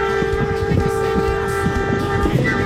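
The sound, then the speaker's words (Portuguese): A vehicle horn blares loudly and continuously for the whole moment during a buzinaço (mass horn-honking) in Coronel Freitas, a steady held tone over a low rumbling, crowded background. “Não esqueça do buzinaço, né?”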